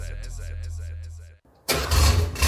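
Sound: classic car engine starting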